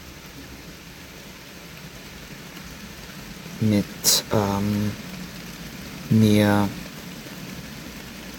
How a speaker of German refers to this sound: Und ihr hört heute Atmos vom Regengeräuschen.